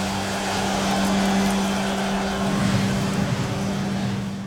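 Steady rumble of car traffic heard while stuck in traffic leaving work, with a low, droning engine hum, continuous and fairly loud throughout, with a faint swell of passing vehicle noise midway and no talking.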